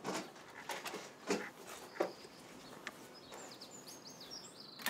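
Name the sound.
dog whimpering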